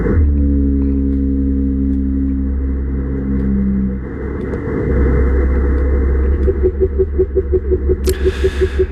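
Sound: blue whale song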